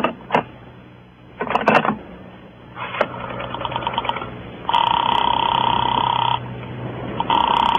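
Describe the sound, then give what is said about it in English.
Clicks and crackly line noise give way to a telephone ringing tone heard through the receiver as a call is put through to Sing Sing prison: one long steady ring, a pause, then a second ring starting, with no one speaking. “I watched Nicky's face as I waited for the call to go through”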